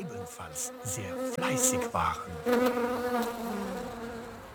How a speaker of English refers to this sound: He sat on the woods floor, leaning against a tree, watched the ants and their work, and listened to the humming of the bees, which were also very busy.